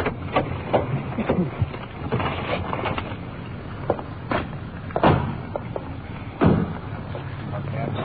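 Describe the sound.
Car doors clunk open and thud shut several times in an irregular series as people get out of a car, the two heaviest slams landing near the end, over a muffled background with faint voices.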